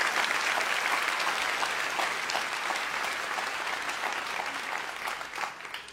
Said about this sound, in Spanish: Vamos, si vas a aplaudirlo con más ganas el día de hoy.